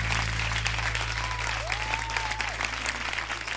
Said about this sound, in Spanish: fuerte el aplauso.